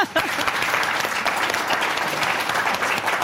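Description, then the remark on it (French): A radio show audience breaks into steady applause for a quiz contestant, a dense, continuous wash of many hands clapping at an even loudness for several seconds with no talking over it. “Donc vous, on vous applaudit,”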